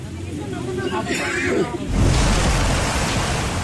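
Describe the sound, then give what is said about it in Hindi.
A continuous roar of a river's churning floodwater waves in the Poonch area after torrential rain since late night, surging louder and fuller midway through and staying loud to the end, with faint indistinct voices beneath it at the start. “लहरों का ये शोर डरा रहा है, साथ ही उस खतरे का भी साफ इशारा कर रहा है जो इन लहरों के साथ पुंछ के तमाम इलाकों में बढ़ता जा रहा है।”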